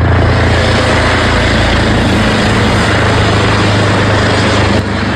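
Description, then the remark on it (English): A loud, steady police helicopter drone overhead, its engine and rotor noise holding constant for about five seconds as it hovers, with no talking. “Police helicopter remained overhead in the hour or so leading up to Mr.”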